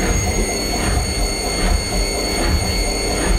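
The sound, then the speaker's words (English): A washing machine on its spin cycle, a loud, steady mechanical rumble and whir with a faint rhythmic thumping pulsing through it, no voices. “Tell you what though, it's a nightmare if you're working from home and you're on a Teams call and then the spin cycle starts going on your washing machine.”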